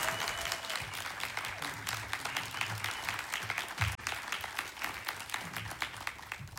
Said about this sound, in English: A hearty round of applause to our special musical guest